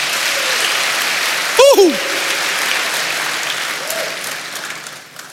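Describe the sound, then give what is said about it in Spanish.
An audience claps steadily and loudly in applause to the Lord, with a brief rising whoop or whistle cutting through early on, before the applause begins to thin at the very end. “Denle aplausos al Señor.”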